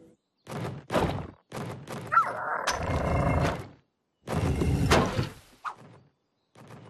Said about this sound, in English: Hey, that's like a door. A pretty heavy door. It wants to bring pine cones in there, but the door won't stay open.